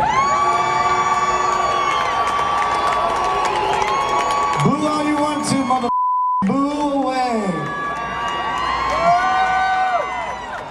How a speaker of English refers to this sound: At a … concert in Tampa this week, a patriotic USA chant sent the band's frontman into a meltdown.